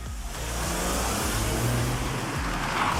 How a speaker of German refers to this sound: Bei uns hatten sich auch Anwohner gemeldet, dass sich immer wieder Raser dort treffen und mit ihren lauten Autos zum Beispiel illegale Rennen veranstalten.